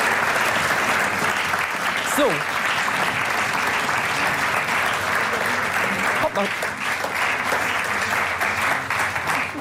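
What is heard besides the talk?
audience applause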